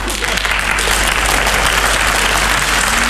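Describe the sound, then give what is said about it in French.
Sustained applause from a sizable audience for a singer at the end of his show, dense and steady clapping that fills the whole stretch at a loud, even level without pauses. “Ils applaudissaient plus fort que ça, je pense.”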